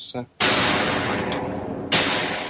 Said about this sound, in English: Right, well, there's a fairly normal explosion coming out of there. If we put it through this box, we'll see that it's got a sort of fireworks sound with it.